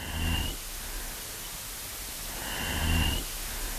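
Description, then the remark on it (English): An adult female snapping turtle gives two breathy, low chuffing calls a couple of seconds apart, each a short rasping puff with a faint high whistle, over a steady background hiss. “Here we hear an adult female snapping turtle engaging in a chuffing vocalization, and it's punctuated by a different call type, which we call a growl.”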